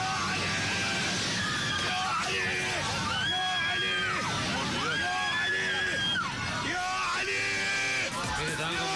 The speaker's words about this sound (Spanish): Que hayan podido aterrizar pese a esta contingencia gravísima en pleno vuelo donde se temía lo peor. Y gritaban, rezaban a los gritos.